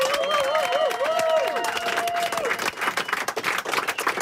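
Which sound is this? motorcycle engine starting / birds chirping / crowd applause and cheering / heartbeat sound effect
crowd applause and cheering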